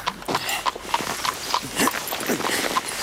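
Hooves of the Baron's Irish chestnut horse clop steadily on a hard surface as a groom leads it out of the stable at the castle courtyard of Baron Waldes Schwarzenberg in the early morning: about eight or nine even, ringing steps at a walking pace, moderately loud, with no voices over them.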